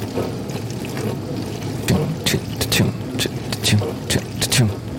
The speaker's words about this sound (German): Die Spülmaschine macht einen Rhythmus.